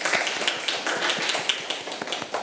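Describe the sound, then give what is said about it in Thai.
Children clapping for themselves after answering a teacher's review question in a Thai language lesson, a quick run of sharp, uneven claps across the whole moment, moderately loud and dense, with no voices heard. “ถ้าตอบได้ขอปรบมือให้กับตัวเองด้วยนะคะถือว่าตัวเองเก่งมากค่ะเอาล่ะค่ะเด็กๆปรบมือให้ตัวเองลูก”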